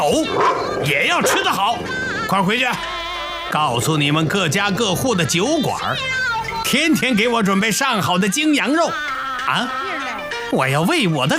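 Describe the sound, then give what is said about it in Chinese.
A dog barks and whimpers almost without pause, a loud run of high whining yelps and short barks filling the whole stretch. “以后不光是我吃得好，就连我的狗也要吃得好。”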